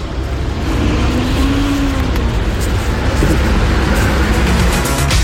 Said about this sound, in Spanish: Nos envió un video donde se ve un auto en doble fila, gatos encendidos, y le da lo mismo.